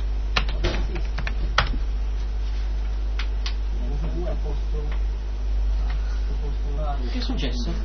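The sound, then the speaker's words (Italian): Keys clatter on a computer keyboard in quick irregular bursts, moderately loud, as someone types the command "boot NFS", with some quiet murmuring voices and a steady low hum in the background. “digitato boot NFS.”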